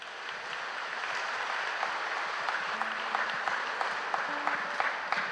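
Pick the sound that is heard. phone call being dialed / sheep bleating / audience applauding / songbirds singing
audience applauding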